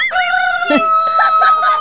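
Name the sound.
chickens clucking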